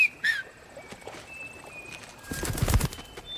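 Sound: finger whistle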